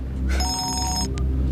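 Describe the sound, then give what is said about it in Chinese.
A phone rings with a bright electronic tone that sustains for about half a second, then a brief second beep follows, heard clearly over a low background hum with no talking. “你电话， 赶快接电话。”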